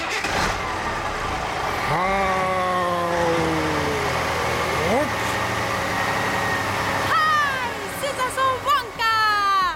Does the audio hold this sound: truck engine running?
yes